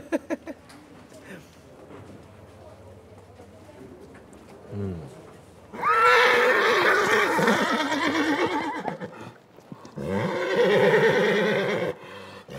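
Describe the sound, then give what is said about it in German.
Quiet background murmur gives way to two long, loud bursts of horse neighing and whinnying, one after another, at the Fiesta de San Juan horse festival in Fornells, Menorca; any hoof clatter is faint beneath them. “Die Fiesta de San Juan, das große Pferdefest in Fornells.”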